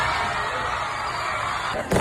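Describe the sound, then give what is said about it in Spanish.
A dense, loud roar of a crowd celebrating at the Panteón in central Asunción, Paraguay, after Germany was eliminated on penalties, with fireworks rockets crackling and bursting through it and a sharper bang just before the end. “Cohetes artificiales.”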